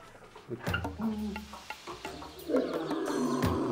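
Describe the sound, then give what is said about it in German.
A lion in a zoo's lion enclosure, home to the lions Jarrah and Sita, gives a series of deep, rumbling growls and moaning calls, fairly loud, with the last call drawn out and sustained. “Im Löwengehege haben Jarrah und Sita die heiße Zeit hinter sich.”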